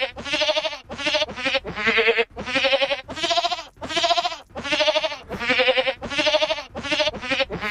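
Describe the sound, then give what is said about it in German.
A goat's bleats strung together into a tune: a rapid series of loud, wavering notes of varying length and pitch, separated by brief gaps, with no voices present. “so eine Ziege singt, aber ich finde, die Melodie erkennt man schon ganz gut, oder?”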